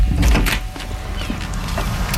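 A front door is opened after the doorbell rings: a heavy clunk and rattle of the latch and handle at the start, followed by a few softer clicks and scrapes as it swings.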